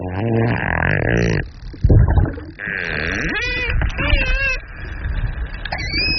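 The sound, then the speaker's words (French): Dolphin clicks and a victory squeal: a loud, buzzy run of rapid pulses, then a series of high, wavering whistle-squeals that sweep up and down, with no talking. “C'est bien un dauphin hein, qu'on entend là.”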